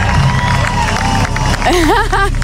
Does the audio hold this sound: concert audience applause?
yes